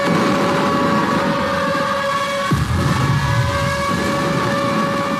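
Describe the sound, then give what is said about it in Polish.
Piercing sirens sound at Westerplatte in the dark of dawn during a memorial ceremony, as flares are fired into the sky: a loud, sustained wail with steady droning tones, one pitch abruptly dropping away partway through while the others keep sounding over a rumbling outdoor background. “W mroku poranka, dokładniej w minucie, w której 87 lat temu pancernik Schleswig-Holstein otworzył ogień w stronę polskiej placówki, na Westerplatte rozległ się przeszywający dźwięk syren, a w niebo wystrzelono flary.”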